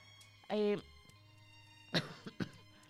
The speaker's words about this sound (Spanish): Estoy, sí, todavía estoy re complicada con esto de la tos, así que le pido disculpas, ¿ya? Si me escucha toser, así como...